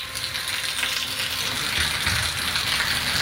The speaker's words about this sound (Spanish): Está lloviendo fuertemente. Así que aliste el paraguas. Aliste los amigos motociclistas el impermeable, ¿no?